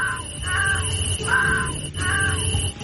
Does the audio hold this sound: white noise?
no